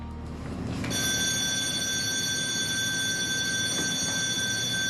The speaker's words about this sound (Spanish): Dios mío, esa parece la señal de alarma. Simulacro de evacuación en botes salvavidas.